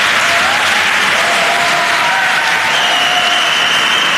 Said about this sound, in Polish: Trudno przebić się przez tak gromkie oklaski.